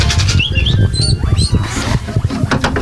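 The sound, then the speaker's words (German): Guinea pigs at a volunteer-run rescue station for abandoned and surrendered guinea pigs in Kloppenburg district, Germany, squeak in a few short, high-pitched rising chirps, clustered in the first half, over steady rustling and shuffling with no voices. “Ist ein Meerschweinchen, das ausgesetzt worden ist.”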